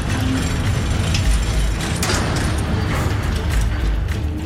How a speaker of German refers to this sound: Eine weitere Wache nickte Seolus zu. Haltet euch ruhig. Und öffnete die schwere Tür.